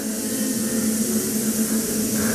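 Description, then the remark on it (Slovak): A hall full of people imitates buzzing bees in a hive together for a radio play, making a steady, loud, continuous droning hum with a hissy edge that holds without pause throughout. “Až sa vás trochu bojím, no a verím, že trochu toho bzukotavého strachu teraz dostanem aj od vás.”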